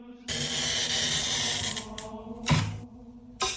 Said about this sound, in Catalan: Aquesta és probablement una de les parts més reconeixibles del procés. La rolina o el tallavidres permet marcar sobre el vidre exactament per on haurà de passar el tall. No es tracta de tallar a ull.